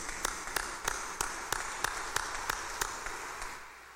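An audience at a church service applauds to welcome and congratulate a person, a dense wash of hand claps with sharp beats landing in a steady rhythm about three per second, fading off near the end. No one speaks.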